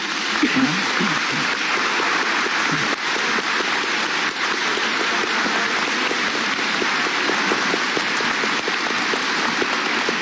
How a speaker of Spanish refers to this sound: Agradeciendo el canto también de los niños, vamos a darles un aplauso a ellos.